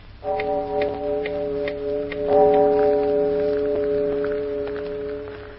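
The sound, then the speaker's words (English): A clock chime strikes two o'clock in the morning with two deep, resonant strokes about two seconds apart, each tone humming on and overlapping the next, with faint ticking and soft hiss underneath. No one speaks. “Hey, it's 2 o'clock in the morning, Lucy. I heard the chimes.”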